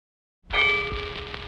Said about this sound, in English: What did I hear at 12 o'clock in the daytime? Church bells ringing? Oh, man, you don't hear no church bells ringing 12 o'clock in the day.